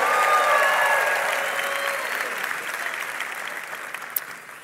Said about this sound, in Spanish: Un aplauso para José. Vamos, fuerte ese aplauso para José.